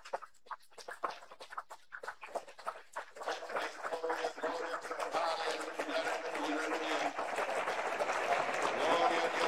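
A church audience breaks into loud clapping to welcome a pastor, starting as scattered claps and quickly swelling into dense, sustained applause that holds steady to the end.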